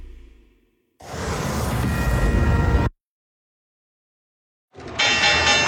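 A loud, sustained electric stock exchange opening bell rings for about two seconds, stops abruptly, then starts ringing again after a brief silence, with a bright metallic clang and no voices.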